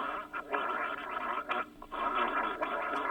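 Someone gargles liquid for a minute, a continuous bubbling rattle with brief breaks, fairly loud, with no talking.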